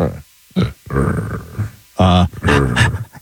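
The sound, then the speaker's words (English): Several people vocally imitate a puppy, doing panting, barking and puppy talk, with short yips, growly barks and breathy panting in quick, uneven bursts, fairly loud, with voices overlapping. “I would like for you guys to do a little panting and barking and puppy talk to each other about how fantastic I am.”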